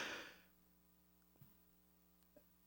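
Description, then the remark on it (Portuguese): A short, breathy burst right at the start, like a sneeze, fades quickly into a low steady hum with a couple of faint clicks. No one speaks. “dá um pra espirro também, viu, depois.”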